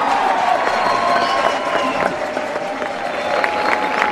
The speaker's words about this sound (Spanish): Yo quiero un gran aplauso para el maestro Harrison Castrillón, que hizo este gran ensamble sinfónico, maestro.